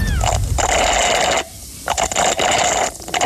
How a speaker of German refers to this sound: Du schlupfst mit einem Röhrle. Ja. Aber was trinkst du da? Es ist etwas schaumig. Es ist kein Aperol Spritz. Mhm. Gell? Es ist ein bisschen dickflüssig. Du bist richtig Hast gut. Hast du Eiskaffee?